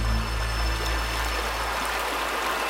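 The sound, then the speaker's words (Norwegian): A steady, continuous rush of flowing water from a river winding slowly through the flat landscape at Beaver Creek, running at an even pace, with no voices or other sounds. “Det går en elv igjennom, bukter seg sånn langsomt igjennom området, og skal ikke mye vannstigning til før vannet renner utover flatene.”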